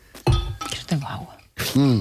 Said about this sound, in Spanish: Bueno, dicho esto, y antes de pasar a lo siguiente, pausa de hidratación. 5 segundos de silencio y beber un poco. Venga, dale ahí. ¿Podéis beber?